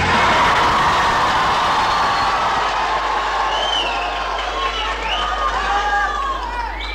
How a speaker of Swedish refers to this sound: De spontana glada röster vi hörde här alldeles nyss, de kom från en kör